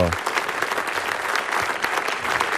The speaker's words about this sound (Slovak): Tak už poznáme 20 nominovaných. Veľký potlesk pre nich za to, že sa dostali do nominácií. Bravo!